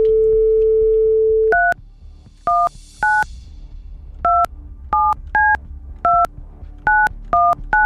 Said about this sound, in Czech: Tak já už jsem se to naučil vytáčet prostředníčkem.